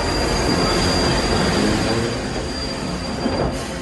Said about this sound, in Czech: Strojvůdce asi znamení zpozoroval hned, protože skoro v zápětí se ozvala parní píštěla a hned potom zaskřípěly brzdy a zdrhnutím kol se vlak přehnal kolem nás.